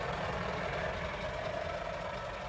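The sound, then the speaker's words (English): A steady, heavy roar of trucks on the Mahimahu Road, the winding truck route from Nairobi to Naivasha in Kenya around the Great Rift Valley, deep engine rumble mixed with broad road noise that stays loud and continuous throughout, with no voices. “I'm on the Mahimahu Road, which is the long winding truck route from Nairobi to Naivasha that curves around the Great Rift Valley.”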